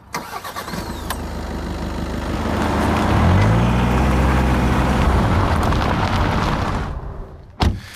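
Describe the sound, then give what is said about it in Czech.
A car engine cranks and catches, revs up with a rising whine, then settles into a steady rumbling idle before cutting off, followed by a short thump near the end; the car is used to drive several kilometres on to another viewpoint facing Veveří Castle. “Tak my si pomůžeme autem.”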